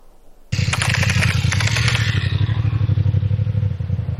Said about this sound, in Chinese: 晚上10点，在湘江北路夜查刚刚开始，一辆摩托车在远处靠边停下，这个动作引起了民警的注意。